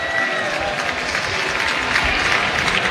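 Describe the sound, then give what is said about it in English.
A baseball stadium crowd applauds a player climbing back onto the field after chasing a foul ball over the fence behind the Spokane bullpen, a dense, continuous wash of clapping mixed with cheering voices that holds at an even, fairly loud level throughout. “Looks like he's fine as he scales the wall, gets back onto the field, gets a nice round of applause for his efforts.”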